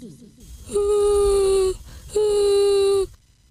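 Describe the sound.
A child's voice lets out two long, drawn-out wailing cries, each about a second, loud with a steady pitch, like a performed imitation of sobbing, as the child sits on the edge of the bed crying.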